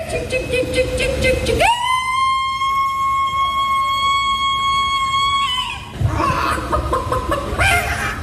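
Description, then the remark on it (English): A person, the winner of a chicken-calling contest in America, imitates a chicken: a burst of clucking, then a loud, steady, high-pitched crowing call held for about four seconds, and more clucking after it. “Well, there's one of those that they have in America for people who can do chicken noises as well.”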